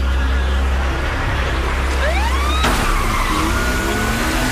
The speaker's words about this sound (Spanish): Sirenas policiales, velocidad, acción y un acento asiático. Japonés. Es coreana la película, sí, es coreana, sí.